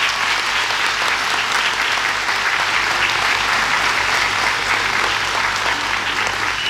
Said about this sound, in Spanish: Y no porque sea al final lo menos importante, un aplauso grande para el grupo …, que nos acompaña también hoy día.